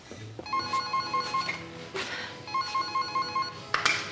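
A telephone rings twice, each ring a rapid, trilling electronic burst with bright high tones and a short pause between. No one speaks.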